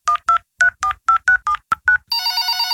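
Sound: telephone keypad dialing tones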